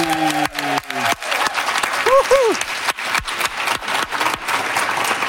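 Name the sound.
audience applauding loudly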